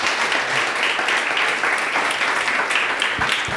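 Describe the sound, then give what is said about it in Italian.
Sustained audience applause, a dense, even wash of many hands clapping at steady loudness throughout, with no voices standing out. “Grazie, un applausissimo per tutti.”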